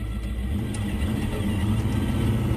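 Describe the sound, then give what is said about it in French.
A powerful 7.6-litre car engine boosted with nitrous oxide rumbles loudly and steadily, its deep low throb holding at an even level for a couple of seconds with no voices over it. “Enfin et surtout, le bolide de Mark Patton, dont le moteur de 7 litres 6 boosté au protoxyde d'azote, transforme cette voiture d'ordinaire plutôt placide en véritable animal sauvage.”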